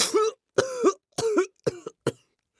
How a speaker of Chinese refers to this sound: 李富贵又一次喷出了口中的茶，捂着胸口大声咳嗽起来